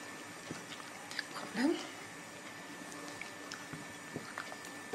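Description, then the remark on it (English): Soft, wet mixing sounds: quiet clicks and scrapes with a brief squishy burst as a small amount of chickpea flour (besan) is stirred into water to make a cream without crumbles. “Like this, we only need very little and put some water and mix it so that we don't get these crumbles.”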